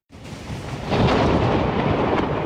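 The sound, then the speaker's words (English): A deep, rumbling roll of thunder from overnight storms sweeping across the south and west of England, which brought 29,000 lightning strikes, builds quickly and swells into a loud, sustained boom that fills the air, with no voices present. “First came the storms, sweeping across the south and west of England overnight, bringing 29,000 lightning strikes, according to the Met Office.”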